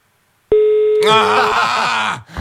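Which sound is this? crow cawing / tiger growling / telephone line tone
telephone line tone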